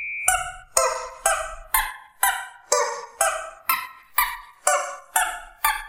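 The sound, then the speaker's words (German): A squeaky rubber chicken toy is squeezed again and again on Antenne Düsseldorf radio as a guess-the-song quiz, about eleven loud, nasal squawks at a steady pace with shifting pitch, tracing out a tune. No one speaks. “Wir müssen noch was auflösen, und zwar das verrückte Huhn.”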